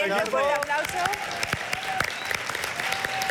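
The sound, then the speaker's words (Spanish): A small audience claps steadily for a few seconds, the claps sharp and uneven, while voices talk over the start of the applause. “Damos un aplauso.”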